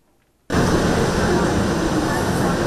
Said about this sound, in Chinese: 火车进站带来些许凉意，但车厢要是没冷气，那可就难熬了。